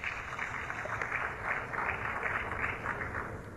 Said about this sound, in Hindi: जोरदार तालियों से अभिवादन कीजिए